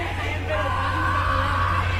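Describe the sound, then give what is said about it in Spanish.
A crowd shouting together in a loud, sustained chorus of voices, calling out the name "Miguel" when asked what the scientist is called, filling the space evenly with a steady hum of noise underneath. “Miguel, le gritan ahí.”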